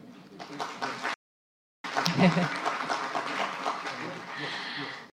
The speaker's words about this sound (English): Needless to say, we have survived countless meetings. I think everybody deserves a round of applause.